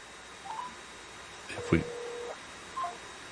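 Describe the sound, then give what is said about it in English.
Several short electronic phone tones, with a steady beep lasting under a second and a brief click-like burst in the middle, then one more short tone, as a call is dialed into a station and the phone hangs up. “Yeah, the phone hangs up, and whenever you dial in.”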